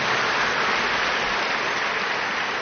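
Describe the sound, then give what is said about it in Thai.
A crowd applauds loudly for a media team at a Buddhist kathin offering event in Thailand, a dense, steady wash of many hands clapping together that holds at full strength for a few seconds with no voices over it. “ปรบมือดังๆให้สื่อชุดนี้หน่อย”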